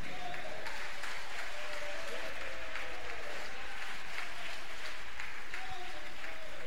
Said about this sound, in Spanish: Y en esa libertad de un aplauso para el Señor.